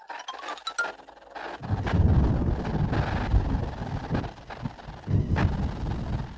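Heavy rain pours down in a dense, steady roar that swells in after a quieter opening marked by a few faint high tones, continuing without pause and without any voices.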